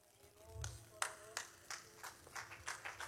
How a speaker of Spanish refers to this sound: A ver si ese aplauso es para el Señor, déselo más fuerte, hombre.